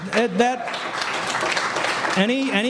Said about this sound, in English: Any applause is not for me. It goes for the troops that serve.